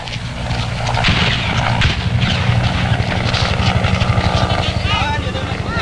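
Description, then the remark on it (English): A helicopter idles, its rotor blades thumping in a fast, steady chop over a loud engine roar, with indistinct voices faintly mixed in: the last American helicopter on the roof of the American embassy in Saigon, April 30, 1975, preparing to lift off with the last evacuees. “The last American helicopter on the roof of the American embassy prepares to lift off the last of the evacuees fleeing before the advancing communist armies.”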